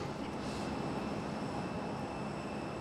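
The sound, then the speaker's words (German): A steady, loud jet engine roar with a faint high whine, as an airliner arrives and taxis to its stand at an airport for refuelling and loading. It holds constant throughout, with no voices. “Also können wir jetzt auf die Maschine warten.”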